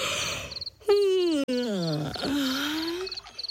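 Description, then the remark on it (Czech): A loud, drawn-out yawn voiced by a person for a young hippo, its pitch sliding downward for about two seconds, with faint, rhythmic insect-like chirping in the background. “Pomyslel si hroch a hlasitě zívnul.”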